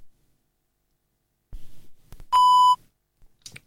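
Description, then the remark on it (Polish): A single steady electronic power-on beep from a PenFriend device, a clear mid-pitched tone lasting about half a second, loud and bright, preceded by soft clicks and handling noises as its top power button is held for about three seconds to switch it on. “Kiedy usłyszymy taki właśnie sygnał, oznacza to, że PenFriend jest uruchomiony i gotów do współpracy.”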